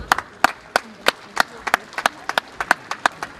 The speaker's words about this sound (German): Das ist eine Auszeichnung für unser Bundesland, das ist eine Auszeichnung für Sachsen-Anhalt, die, glaube ich, einen großen Applaus verdient hat.